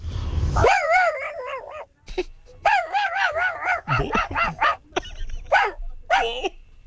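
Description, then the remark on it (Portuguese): A person imitates a dog as an entry in a barking contest, letting out a loud, rapid string of yelping, wavering barks in several bursts with brief pauses between them. “há pouco a gente convocou os ouvintes pra fazer aqui um campeonato de latido.”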